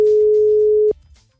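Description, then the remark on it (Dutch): A single steady, mid-pitched telephone ringing tone sounds for almost a second while a call to a girlfriend is placed, then cuts off abruptly, leaving only faint background noise. No one speaks. “Ik ga mijn vriendin bellen.”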